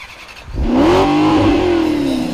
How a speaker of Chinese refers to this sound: 哇、哦！你听这引擎声，听起来简直太给力了。